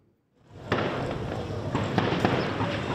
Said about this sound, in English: A volley of gunfire rings out in Port-au-Prince. Days of fighting between rival gangs are pushing Haitians in parts of the capital out of their homes in search of safety.